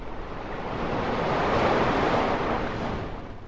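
Sea waves and surf wash steadily in a broad, hissing roar that swells toward the middle and eases slightly at the end, with no voices present.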